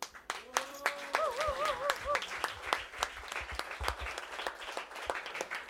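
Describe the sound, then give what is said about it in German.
An audience applauds with dense, steady clapping lasting several seconds, while a brief whistled or cheering tone warbles over the start of it; an extra round of applause to thank a team member who made the event possible. “Deswegen jetzt ein extra Applaus für den Werner, der uns das Ganze da ermöglicht hat.”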